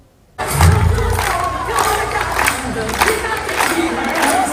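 After a brief silence, a loud crowd of children erupts into continuous cheering and shouting, with clapping mixed into the dense, sustained roar of voices, as children and youths wave colored handkerchiefs and dance at the opening of the 2026-2027 school year at the Leonida building of the Istituto Comprensivo Renato Moro.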